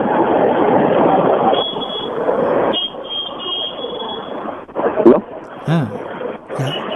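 Strong wind roars into a telephone line as a listener calls in to a Trichy radio evening song-request programme, with very strong wind blowing outside: a loud, steady rush of muffled noise, surging and easing over several seconds, with brief warbling tones and faint voice-like sounds near the end.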